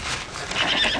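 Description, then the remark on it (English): A horse whinnies loudly, its shrill neigh rising toward the end, with hooves clip-clopping underneath in a brief burst lasting about a second. “Esau slowly got down from his horse.”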